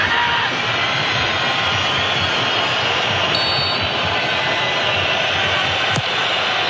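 A dense, continuous roar of a large stadium crowd at a football match as Uzbekistan takes a corner near the 90th minute, steady and loud throughout, with a faint whistle-like tone briefly riding on top and a sharp click near the end.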